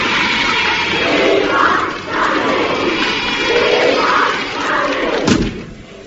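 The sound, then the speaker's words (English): Hundreds of fans outside, waving banners, cheer and roar in a steady, dense wash of noise that swells and dips in waves, with a sharp thump near the end before it thins out. “Hundreds of them outside with fans.”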